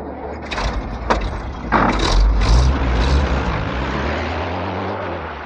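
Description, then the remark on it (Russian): A car door thuds shut with a couple of sharp knocks, then an engine rumbles up and the car pulls away through a lane onto the highway, its low drone steady. “проулком выехал на шоссе, ЗИС, на который сели двое офицеров, уже скрылся из виду.”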